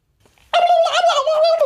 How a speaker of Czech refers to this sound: Ty vole, krocan.